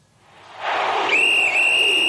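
A steady, shrill whistle tone, a radio station's signal for its sports segment, cuts in about halfway and holds to the end with a brief dip, sounding over a loud, rising wash of crowd-like noise.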